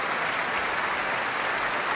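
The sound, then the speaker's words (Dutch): Dense, steady applause with players of the Radio Philharmonisch Orkest tapping their bows, for singer Raoul Stefani and the Groot Omroepkoor, a continuous crackle of many small hits at an even level, with no voices. “Dat ook met strijkstokken voor hen klapt.”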